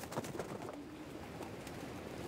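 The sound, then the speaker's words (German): Pigeons coo softly in a low, rolling murmur after all the pigeons return home from a training flight, with a few brief higher chirps scattered through; the sound is continuous and fairly quiet, with no speech. “Dieses Glück scheinen die Männer heute zu haben. Alle Tauben kehren heim.”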